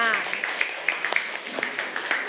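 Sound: classroom applause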